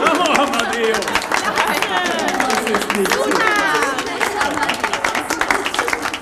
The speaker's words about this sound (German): dass auch Amadeus mitmacht, der natürlich wieder einen extra Applaus einheimst.